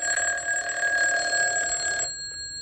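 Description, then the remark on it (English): A telephone rings downstairs at midnight with one steady, bright electronic ring lasting about two seconds, then stops abruptly. It is loud, with no voices. “So fast asleep that they didn't hear the phone ringing downstairs.”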